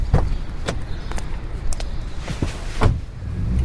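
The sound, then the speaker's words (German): A black hybrid car pulls away, its low engine rumble running steadily beneath a handful of sharp clicks and thumps scattered through the few seconds; no one speaks. “Das Auto fuhr los und Jakob starrte die Frau an.”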